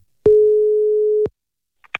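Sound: telephone ringing tone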